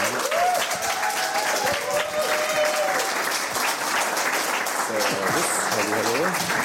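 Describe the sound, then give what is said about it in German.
Loud, sustained audience applause welcoming a guest on a show, a dense steady clatter of many hands clapping throughout, with voices calling out over it at the start and again near the end. “Großer Beifall.”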